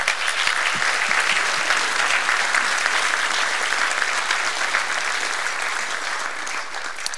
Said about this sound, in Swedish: Jag tycker att vi ger varandra en stor varm applåd.